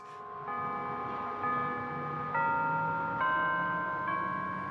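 Church bells of the Arlington Street church ring out the hymn melody We Shall Overcome, each new note struck every second or so and layering over the ringing of earlier ones, steady with no voices.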